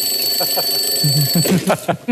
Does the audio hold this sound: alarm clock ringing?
yes